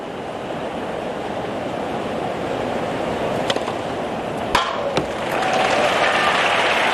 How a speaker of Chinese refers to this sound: 大阪直美第一时间也给对方这么精彩的控球、啊、送上了掌声。